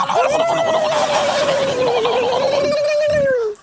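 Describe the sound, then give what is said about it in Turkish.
A person imitates a turkey gobbling, holding one loud, warbling, nasal call for over three seconds, with no other sounds. “Ara ara böyle hayvan taklitleri yaparız çünkü biz at başı çalışıyoruz.”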